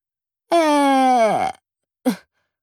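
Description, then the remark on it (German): A loud, drawn-out snore from a small man lying in bed, sliding down in pitch at the end, then a brief pause and one short snorting breath. No one speaks. “Sekunden später schnarcht er, dass die Bilder an den Wänden wackeln.”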